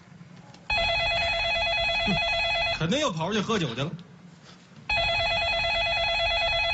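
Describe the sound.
A telephone rings loudly with a bright, warbling electronic tone in two long bursts, and a man speaks briefly in the gap between them.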